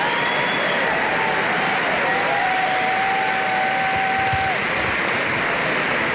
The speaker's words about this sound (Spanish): el expresidente Uribe seguramente recibirá un estruendoso aplauso por parte de los asistentes